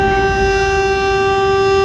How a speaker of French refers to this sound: À midi pile d'abord. Puis 10 minutes après, une deuxième sirène retentit.